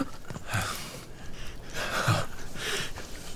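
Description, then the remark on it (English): Labored, rattling breathing of a dying boy whose lungs are filling up with fluid, with about three wet, gurgling breaths in slow succession and no talking. “You hear his breathing. That rattling sound. It's because his lungs are filling up with fluid.”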